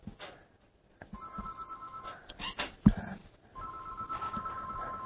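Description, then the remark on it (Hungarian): A telephone rings in two long bursts separated by a short gap, with a steady electronic tone and a few clicks and bumps between the rings. “Na, csöng a telefon.”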